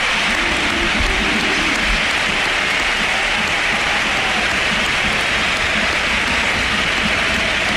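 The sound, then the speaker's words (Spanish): A football stadium crowd at the Sánchez Pizjuán gives Luka Modric a standing ovation, applauding in a dense, continuous roar of clapping that holds steady and loud for several seconds, with no voices rising above it. “ovación a Modric, que también le han pegado. Esa ha sido brutal.”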